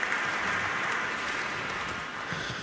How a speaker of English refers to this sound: One day I'm going to insist that the applause from the Minnesota audience is going to go on a CD as well. Because it's really amazing.